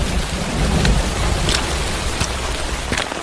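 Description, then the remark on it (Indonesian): Steady light dawn drizzle patters outdoors at a village landslide site, a continuous soft hiss with a low rumbling undertone and a few sharper drop sounds. No one speaks. “Sejumlah warga, aparatur desa dan Pak Imam di tengah rintik hujan subuh langsung meninjau bekas longsoran.”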